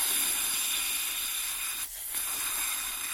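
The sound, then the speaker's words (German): A steady, breathy hiss of air streams out for a few seconds, dipping briefly near the end before resuming, like yellow mist being blown through a slender tube held to the lips. No voices. “Das er sogleich an seine Lippen legte und hineinblies. Er hielt Conan mit einem Arm eng bei sich”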